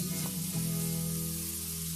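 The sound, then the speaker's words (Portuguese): A shower running steadily, a continuous even hiss of spraying water with a low, constant hum underneath, lasting about two seconds without pause or voices. “Pode até parecer barulho de chuva, mas se chama desperdício.”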